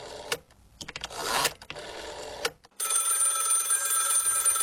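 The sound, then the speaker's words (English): An old rotary telephone bell rings loud, a continuous metallic jangle lasting the final two seconds, preceded by short bursts of mechanical clattering and whirring. “tell me about your early memories of the old rotary phone, of course, popularised in the 20th century”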